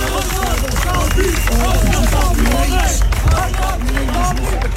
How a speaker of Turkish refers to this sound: Ve Hakan Safi bu sözler eşliğinde, bu alkışlar eşliğinde, bu destek eşliğinde arabasına biniyordu.